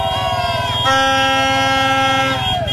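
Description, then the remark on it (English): A dense chorus of car and air horns blares continuously from Mexican football fans outside the hotel where the English team was staying, several overlapping tones held and sustained at once, with a brief swell in loudness partway through over a low rumbling background. “That was all the Mexican fans outside of the hotel where the English were staying.”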